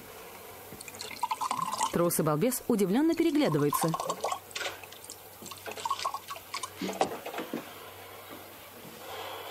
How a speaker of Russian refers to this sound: Открывает бутылку, наклоняет над столом.